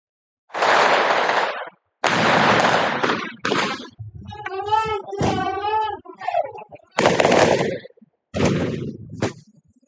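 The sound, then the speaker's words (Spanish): Loud, rough bursts of gunshots and firecrackers at a street protest where a police and military barrier held back demonstrators, several in a row with short gaps, broken up midway by raised, shouting voices. “Hubo disparos y petardos.”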